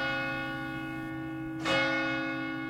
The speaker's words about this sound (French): Il y a le son des cloches qui résonnent au loin, annonçant aussi bien que l'aiguille s'est déplacée sur un nouveau chiffre, qu'une célébration, plus ou moins festive selon s'il s'agit d'un moment de vie ou de deuil.